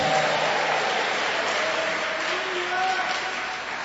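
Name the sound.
audience applauding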